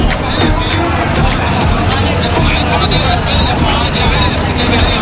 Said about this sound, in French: Au cœur du tumulte de la foule qui se presse dans les commerces, des taxis et tuk-tuk qui se faufilent dans la circulation chaotique, il est presque difficile de lever les yeux.